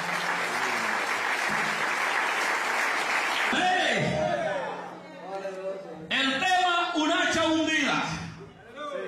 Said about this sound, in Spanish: ¿Cuántos alaban al Señor en esta hora? Denle un fuerte aplauso al Señor, hermanos.